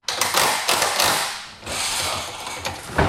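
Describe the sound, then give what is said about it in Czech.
Hammers and drills preparing an outdoor stage in the baroque garden of Český Krumlov Castle before the Český Krumlov International Music Festival: overlapping taps, ratcheting and whirring tool noise in an uneven rhythm, fairly loud and continuous with brief dips, no voices. “Místo houslí nebo klavíru se barokní zahradou Českokrumlovského zámku ozývají zvuky kladiv a vrtaček.”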